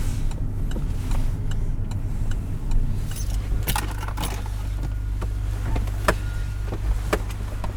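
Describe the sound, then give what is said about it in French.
A car being parked at the port of Dunkirk, France, at the site of the former dockers' central labour office (BCMO), with its turn signal on. Its engine hums low and steady while sharp clicks, ticks and a light metallic jangle break in now and then; no one speaks. “Je vais me garer là. J'avais déjà mis mon clignotant pour te dire.”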